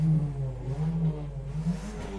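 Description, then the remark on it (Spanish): A car engine revs, a deep, steady hum whose pitch rises and falls slightly as the throttle is pressed, with no voices. “Me parece que lo está acelerando, ¿no?”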